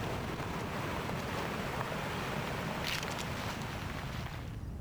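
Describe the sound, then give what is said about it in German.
Steady, roaring wind blows continuously at a constant loud level, a broad rushing noise with occasional brief gusty hiss, and no voices. “Nur Wind.”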